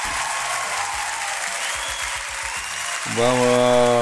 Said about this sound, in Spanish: Un aplauso a estos chiquillos.